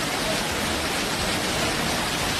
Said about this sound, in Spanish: Y bueno, vea por favor esta inundación que ocurrió. La gente trataba de salvarse, de morir como en una película, pero es la vida real. No saben cómo, pero quieren salvarse de morir. La fuerte corriente los tiene atrapados en sus garras.